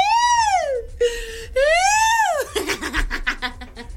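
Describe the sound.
A voice wails like an ambulance siren in two long rising-and-falling sweeps with a short flat tone between them, then breaks into choppy, laugh-like vocal bursts.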